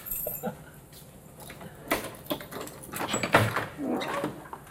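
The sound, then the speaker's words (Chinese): Keys jingle and a lock clicks a few times before a door creaks open, with scattered handling knocks and faint murmuring voices in the background. “别闹了，快开门吧。”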